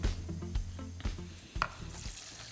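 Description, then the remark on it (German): Water is poured onto Basmati rice in a hot pan and erupts into a steady, crackling sizzle, with a few sharp clinks and knocks of utensils against metal breaking through the hiss. “So, Wasser gebe ich drauf.”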